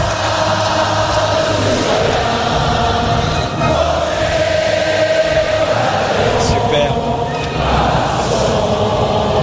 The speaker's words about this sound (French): Magnifique Marseillaise avec de beaux applaudissements à la fin.